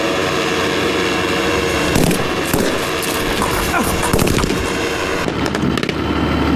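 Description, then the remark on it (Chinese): Gunfire crackles in scattered sharp bursts over a constant, loud engine roar during a military exercise, as terrorists resist and open fire while an assault unit rushes the target building in all-terrain assault vehicles under drone fire cover; the shots come irregularly, some close together, with no voices heard. “恐怖分子负隅顽抗，开枪射击，突击分队立即在无人机火力掩护下乘全地形突击车快速抵近目标建筑，突入室内实施抓捕。”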